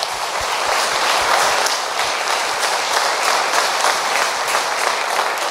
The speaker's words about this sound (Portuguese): Amém! Palmas para Jesus, né?